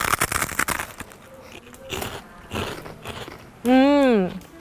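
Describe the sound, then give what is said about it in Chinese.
Loud crunchy chewing of deep-fried cowhide, rapid brittle crackles easing into slower bites, followed by a short hummed vocal sound of enjoyment. “听到我咀嚼的声音了吗？特别特别的脆，我再咬一下哈。”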